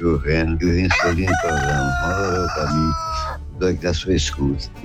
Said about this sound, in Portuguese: Olha o galo no fundo.